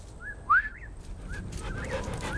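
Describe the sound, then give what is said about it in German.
A dog named Paddy, in a scene for Hopper's painting Cape Cod Evening, whimpers in a few short, high, rising whines, the second one louder, over a low steady outdoor hiss with no talking. “In unserem nächsten Gemälde, Cape Cod Evening, gibt es immerhin zwei Menschen und sogar einen Hund.”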